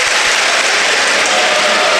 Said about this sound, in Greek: Ο κόσμος τον χειροκροτεί για να τον ενθαρρύνει.